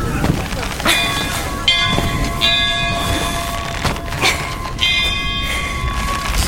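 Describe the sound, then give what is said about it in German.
A large weather bell, rung hard by pulling its rope, rings in loud, clanging strokes roughly every second, each strike leaving a long, humming metallic overtone that overlaps the next, with a brief pause before ringing resumes. “Ich brauche euch an der Wetterglocke.”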